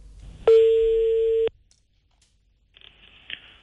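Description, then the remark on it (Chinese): A single steady telephone ringback tone sounds for about a second while placing a call to the complaint hotline of the Zhuozhou transport bureau, clear and fairly loud, followed by silence and then a faint, brief bit of line noise. “我们看一下这个电话。”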